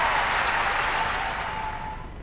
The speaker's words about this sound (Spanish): Muchas gracias. Qué placer, muchas gracias, un sueño. Fuerte ese aplauso, bien, bien arriba.